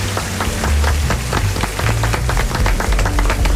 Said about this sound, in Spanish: Pues chicos, de verdad, muchísimas gracias. Un fuerte aplauso para nuestros invitados.